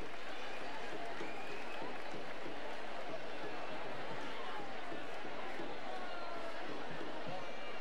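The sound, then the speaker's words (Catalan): A crowd in the Plaça de la Vila applauds steadily for the colla castellera del Prat, a human-tower team, after their pilar: a dense, continuous patter of clapping with scattered voices and cheers mixed in, holding at an even loudness throughout. “Un fort aplaudiment per la colla castellera del Prat i aquest pilar per sota magnífic.”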